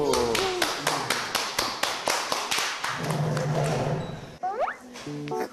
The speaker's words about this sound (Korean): 박수.